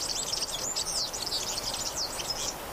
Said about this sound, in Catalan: Gafarró, Serinus serinus. Au amb tonalitats groguenques que viu tot l'any als camps i zones de conreu.